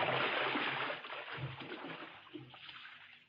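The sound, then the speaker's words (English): Booted feet slosh and splash through shallow water in a steady series of noisy strides as a person wades out to retrieve a small wrecked ship, the splashing heaviest at first and easing slightly toward the end. “Well, I'll wait out and get it. Let me do it, Tom. My boots is higher than yours. The water's kind of shallow.”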